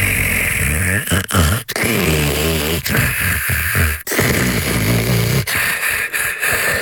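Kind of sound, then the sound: human body sound, snoring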